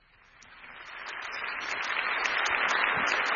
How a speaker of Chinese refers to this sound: 好多好多掌声欢迎呢位好值得尊敬嘅妈咪。